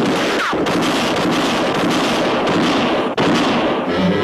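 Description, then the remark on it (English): A loud exchange of gunshots between two men in a bar fills the whole moment, sharp cracks running together into dense, crackling noise, with a bottle on the bar shattering from a shot among them and brief gaps between bursts; both shots miss. “Crowley fired, and in that same instant, Dick whirled and shot back. He shattered a bottle on the bar.”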